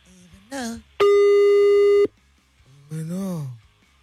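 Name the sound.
telephone call tone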